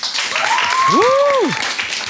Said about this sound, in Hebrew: כמו שאמרנו, אנחנו כאן בבסיס פלמחים, לכבוד הטייסת החדשה שהם מקימים. נשמע כפיים? נשמע כפיים?